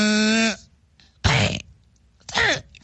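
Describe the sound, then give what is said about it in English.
A man belts out a 'call the hog' cheer: a long, sustained whooping note followed by two short, raspy shouted bursts with brief pauses between them. “doing the call the hog.”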